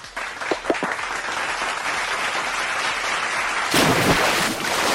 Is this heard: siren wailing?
no